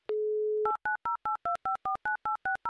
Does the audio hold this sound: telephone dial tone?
yes